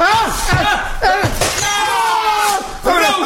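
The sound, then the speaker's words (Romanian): A vase shatters in a single sharp, bright crash of breaking pieces during a fencing lesson, with excited voices talking over and around it before and after the smash. “Am spart vaza, mă omoare nevastă mea.”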